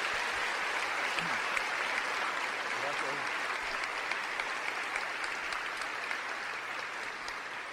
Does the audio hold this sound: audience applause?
yes